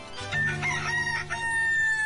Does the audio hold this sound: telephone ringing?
no